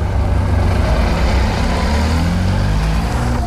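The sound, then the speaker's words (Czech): A car pulls up to a loading ramp used to load election equipment in Olomouc, Czech Republic, its engine giving a loud, steady low rumble for a few seconds, with no voices over it. “K rampě už najíždí další auto”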